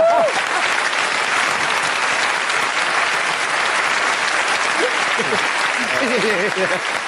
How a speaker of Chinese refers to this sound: 所以呢，还得麻烦各位给他鼓鼓掌。用这个相声行话呢，起个尖儿，咱们把这位放粪的血控请上来，使一个，大伙儿夹门夹门他，好不好？